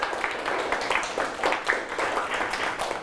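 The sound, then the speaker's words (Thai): A group applauds steadily for about three seconds, a dense, even patter of many hands clapping at moderate volume with no one speaking over it, applauding a friend. “โอเคปรบมือให้เพื่อนครับ”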